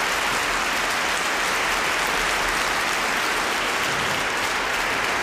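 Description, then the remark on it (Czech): Sustained audience applause for František Konečný, the 17-year-old author of the preceding melodrama on verses by Jan Skácel, a dense, steady wash of many hands clapping at even loudness throughout, with no voices standing out above it. “No a potlesk pro něj určitě.”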